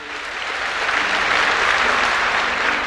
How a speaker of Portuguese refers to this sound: Mais forte, dê uma salva de palmas a essa palavra.